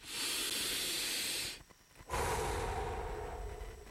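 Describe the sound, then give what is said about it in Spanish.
A long, deep inhale of breathy hiss lasting about a second and a half, a brief pause, then a slower, fuller exhale that gradually fades. No one speaks. “Respira profundo.”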